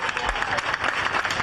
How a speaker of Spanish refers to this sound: Y con estos aplausos recibían los 300 vecinos y vecinas de Aldea del Fresno evacuados a causa del fuego, que pueden volver a sus hogares porque ya no hay peligro para ellos.